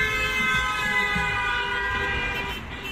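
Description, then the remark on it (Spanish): A car horn blares in one long, unbroken blast, loud, its steady harmonic tone holding for about three seconds with no voices around it. “la industria automovilística empezó a incorporar bocinas en sus coches para avisar de su presencia y prevenir a peatones distraídos.”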